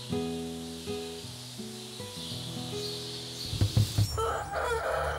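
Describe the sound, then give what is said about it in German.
Fighting chickens crow in long, wavering, harmonic calls that step up and down in pitch, followed by a few short, loud clucking bursts and some scuffling, with no talking. “Die Kampfhühner sind sehr selbstständig geworden.”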